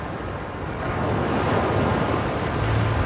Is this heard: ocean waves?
yes